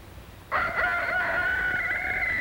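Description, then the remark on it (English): A white leghorn rooster crows once in the daytime, a loud, sustained cock-a-doodle-doo that starts abruptly after a quiet moment and holds steady, with no one speaking. “Wake up, chickens. It is daytime. The chickens jump and fly from their roosts. First the rooster, and then the hens.”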